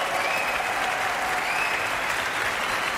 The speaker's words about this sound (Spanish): Gran ovación ahora para la soprano, ….